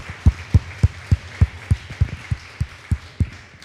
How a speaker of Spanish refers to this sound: Denle un fuerte aplauso al que merece toda gloria y honra.